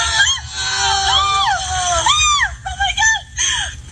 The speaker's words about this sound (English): Yeah, and that screaming is them like flailing, like bringing the mattresses down.